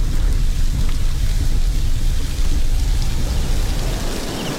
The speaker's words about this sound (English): But daylight is fading, and the rain is making the roads more dangerous by the minute.